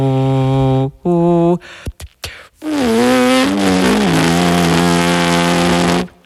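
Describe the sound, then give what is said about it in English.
A horn player, without the horn at the lips, hums loud in low sustained tones: two short held notes, a few brief clicks, then a long buzzy hum that dips and glides in pitch before stopping. No talking. “And this is me humming.”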